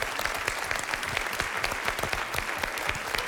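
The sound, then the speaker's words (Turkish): A group applauds a friend, clapping steadily throughout, a dense, continuous patter of many hands with no voices standing out. “Yine alkışlar başladı. Arkadaşımıza alkışlıyoruz.”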